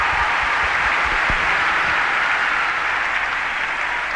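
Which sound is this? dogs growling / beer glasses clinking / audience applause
audience applause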